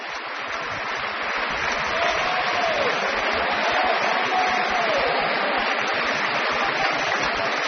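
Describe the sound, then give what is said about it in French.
A large concert audience applauds the tenor Penepati after a performance of Berlioz's Requiem, a dense, even wash of clapping that holds at a constant loudness throughout with no voices standing out. “Et de beaux applaudissements encore pour le ténor Penepati qui faisait une courte, brève, mais très belle apparition dans ce requiem, dans le Sanctus tout à l'heure.”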